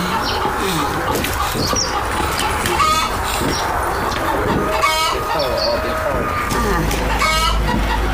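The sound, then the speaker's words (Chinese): A grandmother's small chickens cluck in a steady farmyard scene, with several louder, rapid bursts of clucking standing out every couple of seconds over a constant, busy background. “嗯，这福建呢给我的小小鸡儿啊，打的鸡蛋给孙老师送来去。”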